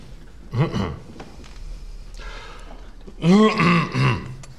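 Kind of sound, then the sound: human body sound, cough or throat clearing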